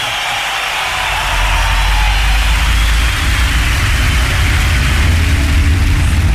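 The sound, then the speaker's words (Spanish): A steady engine drone fills the space, heavy low rumble with a broad hiss above, as if heard from inside a moving car; it stays constant and fairly loud throughout, with no voices. “Aprovecho que estoy en el auto para recomendarles esta nueva radio de rock de la ciudad.”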